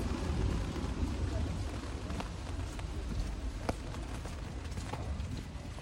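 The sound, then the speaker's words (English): Steady, even hiss of rain fills the scene outdoors as someone walks in the city, with a few sharp footstep-like taps now and then and a low rumble underneath. “It's raining.”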